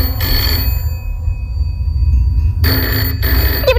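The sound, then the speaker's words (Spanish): A telephone rings loudly in two bursts, a short ring followed by a pause and then a second, longer ring. No one speaks. A night-time call to the law office of Gregor Flaute, a lawyer in Cádiz. “Y sin esperar respuesta, el Chano coge el teléfono y llama a Gregor Flaute, el abogado más famoso de todo Cádiz.”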